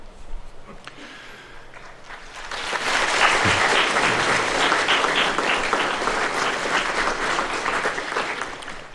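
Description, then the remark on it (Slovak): Applause from an audience builds after a few seconds into a steady, dense wash of clapping that holds loud and even to the end, with no voices over it. “No, áno, to nebola pauza na potlesk.”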